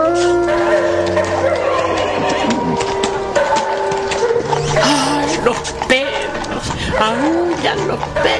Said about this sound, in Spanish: hasta que, repentinamente, tras la tapia de un solar vecino, se empezaron a escuchar insistentes aullidos de perros en un eco lejano, reforzado en una lúgubre armonía.